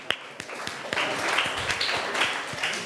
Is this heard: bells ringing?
no